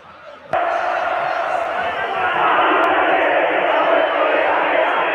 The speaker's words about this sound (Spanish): Esos son los hinchas y los jugadores cantando.